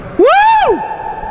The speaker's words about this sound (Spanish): Ya lo sé, quedó el eco, nadie miró, pero se quedó el eco bien.